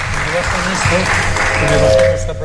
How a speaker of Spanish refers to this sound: Que le bajen los aplausos, dice.